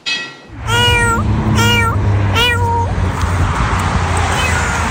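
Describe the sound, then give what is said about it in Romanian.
Several cats meow loudly, one drawn-out cry after another in quick succession, over a constant hiss of background noise and a low hum. “Acum a construit un adăpost în care sunt îngrijite 600 de pisici.”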